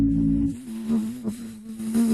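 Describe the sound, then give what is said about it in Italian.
A voice imitates a mosquito with a steady, nasal buzzing hum held for about two seconds, its pitch wavering slightly and its loudness swelling a few times. No other sounds accompany it. “Dalla zanzara classica.”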